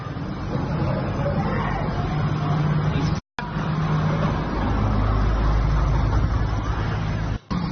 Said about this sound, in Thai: ทำไมมันรวมตัวกันตรงนี้แล้วรถก็ยังวิ่งผ่านไปผ่านมาบนถนนอยู่นะคะ